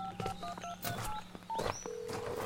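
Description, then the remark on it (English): A rapid string of short electronic keypad beeps as a cell phone number is dialed, each tone a distinct pitch, clear, followed by a longer steady tone near the end. “I'm not getting a signal on the cell phone.”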